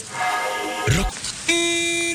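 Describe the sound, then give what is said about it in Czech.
A car horn honks in long, steady blasts, with a brief low thud between them; the second blare holds loud until the end. “Klaxon troubí.”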